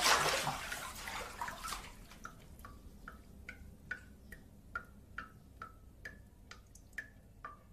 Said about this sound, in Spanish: Mientras el grifo enfocado en primer plano gotea incesantemente, el hombre se sienta.